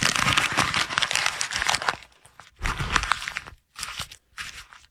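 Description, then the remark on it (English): Paper is folded and crumpled in the old Rush Limbaugh studio, in tribute to Rush Limbaugh folding up paper: a loud crinkling rustle that comes in several bursts separated by short pauses, with no voices. “By the way, I just noticed that we're in the old Rush Limbaugh studio, and it sounds, when he used to fold up the paper, that's my tribute, and it sounds much better in the studio.”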